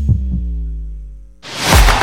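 A heartbeat sound effect in a station identification for Radio del Sur 98.5: a deep double thump at the start, then a low droning hum that fades into a loud, rushing burst of noise. No one speaks.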